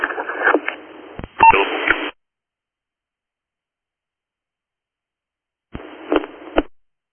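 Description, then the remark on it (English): Two bursts of narrowband dispatch radio transmission carry short alert tones for Station 28 with crackly static, the first about two seconds long, then silence before a briefer second burst. “Station 28, you just heard your tones.”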